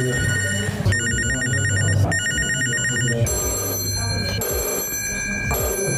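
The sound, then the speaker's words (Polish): Several old-fashioned telephones from a collection, including a Soviet-made one, ring one after another at the Łącznica permanent exhibition in Lublin, each a bright metallic trill in sustained bursts, fairly loud, with a low hum and faint background murmur underneath. “To nie wszystkie dźwięki telefonów z kolekcji”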